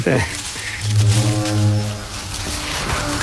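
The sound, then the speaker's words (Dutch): A deep, steady horn blast rings out for about a second, sounding from some distance over a constant outdoor background noise. “Ja, weer die toeter.”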